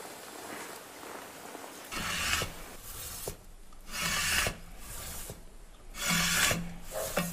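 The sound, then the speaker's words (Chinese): Rasping strokes of grinding and polishing a lacquerware piece, four steady back-and-forth passes in a slow rhythm with short pauses between, no voices. “再经过打磨、抛光，一件漆器做成了。”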